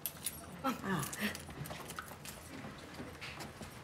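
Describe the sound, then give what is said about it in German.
Keys jangle and click as they scrape and rattle in a door lock for a few seconds while someone unlocks a hotel room door, with soft murmuring voices and a brief high whine early on. “Passt der Schlüssel auch da?”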